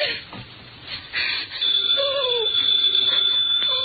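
telephone ringing

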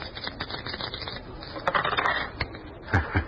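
dice rolling

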